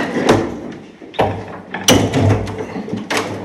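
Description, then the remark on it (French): Heavy exterior metal window shutters on greased hinges are pushed open, with a few loud clunks and thuds spaced a second or so apart and some scraping, grinding metal in between. “graisser tous les gonds pour nous faciliter l'ouverture, parce que les volets métal extérieurs sont extrêmement lourds”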